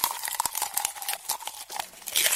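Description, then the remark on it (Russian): Crisp crunching and crinkling of paper as a bookworm munches through a book's pages, with rapid irregular bites and rustles running continuously for a couple of seconds, no voices. “Хрум-хрум-хрум, чок-чок-чок, я книжный червячок.”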